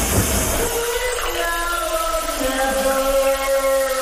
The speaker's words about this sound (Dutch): Je hoort het al, de douche is aangegaan. En aan jou om te raden wat er wordt gezongen onder de douche.